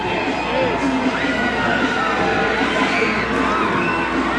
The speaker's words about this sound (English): Jumbotron is reading volume and scream, so those are the fans that you hear behind home plate. Packed crowd here tonight.